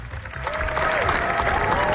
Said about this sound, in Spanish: La bola negra cogió impulso en la carrera por la Palma de Oro. Es la ovación más larga de lo que llevamos del certamen, y los directores españoles lo han logrado con una película que es una carta de amor a Federico García Lorca